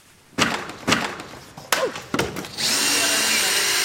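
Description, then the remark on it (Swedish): Several sharp knocks and clattering thuds as a Liberal party election pavilion is dismantled at the end of an election campaign on Mälare torg in Ekerö, outside Stockholm, then a power tool starts up and whirs steadily and loudly to the end. “På Eker utanför Stockholm så är det med en bitterljuv känsla som de nu river valbåset.”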